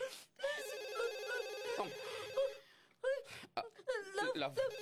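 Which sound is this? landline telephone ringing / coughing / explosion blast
landline telephone ringing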